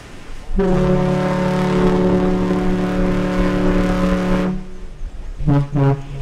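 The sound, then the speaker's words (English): The Badger car ferry's deep, loud horn sounds one long sustained blast, then after a brief pause gives two short toots in quick succession as a salute, booming over a faint background rumble, as the ferry begins its round trip between Manitowoc and Ludington, Michigan. “That's two toots like that, that's a salute to us.”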